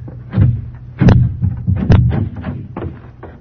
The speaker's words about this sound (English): Hey, this door's locked. Let me see that thing. Yeah, just snap lock. Huh? Oh, yeah. Open it up.